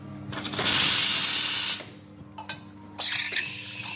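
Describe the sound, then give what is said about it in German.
A loud, broad hiss of steam bursts for over a second from a coffee machine being cleaned in a queer bookshop café in Prenzlauer Berg, cuts off, then returns in short clanks and a second hissing burst over a low mechanical hum. “reinigt die Kaffeemaschine.”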